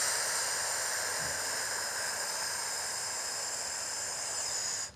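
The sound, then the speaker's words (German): A long, slow exhale during a breathing exercise, after a four-second inhale and a hold: a steady, breathy hiss that holds an even level for about five seconds, then cuts off. No talking is heard. “Wir atmen aus.”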